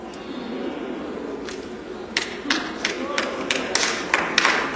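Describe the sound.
Scattered hand claps from a crowd start about halfway through, sharp and fairly regular, over a low murmur of room noise and voices, building slightly toward the end.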